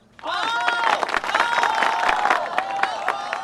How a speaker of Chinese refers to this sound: 百姓们则围得里三层外三层，在旁边拍手叫好。